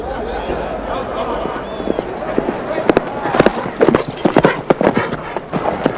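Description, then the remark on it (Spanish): Many hooves clip-clop in a dense, overlapping rhythm of about 300 horses on the move, with scattered sharp knocks over a steady rumbling background. “¿Cuántos caballos? 300, tal vez más.”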